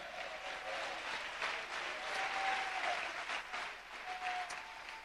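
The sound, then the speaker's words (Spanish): A church audience claps steadily and loudly for Christ, a dense wash of hand claps that holds for several seconds with no one speaking over it. “Dele fuerte ese aplauso a Cristo en esta hora.”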